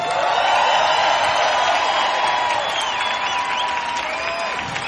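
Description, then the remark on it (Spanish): A large audience claps loudly and continuously for the full five seconds, a dense steady wash of applause with faint cheers and whistles rising through it, given for the band's bass player as the musicians are introduced. “A los bajos, un aplauso enorme para la increíble Belén Vidal.”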